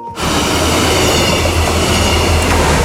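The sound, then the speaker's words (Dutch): An Arriva instruction train crosses the Vriezenbrücke railway bridge on the Dutch-German line between Bad Nieuweschans and Leer, a loud, steady rumble with a metallic rattle that starts abruptly and continues without pause. No one speaks. “En voor het eerst in bijna 11 jaar tijd rijden weer treinen tussen Bad Nieuweschans en Leer. Zo klonk dat dus gisteren op de Vriezenbrücke.”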